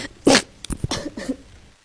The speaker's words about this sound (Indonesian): Aduh-aduh, batuk ini malahan.